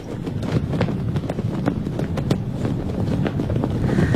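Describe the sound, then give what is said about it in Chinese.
A national flag flaps and snaps hard in strong wind on National Day, sharp irregular cracks of fabric over a steady roaring gust, with no voices throughout. “风很大哈，就是国旗飘扬的声音。”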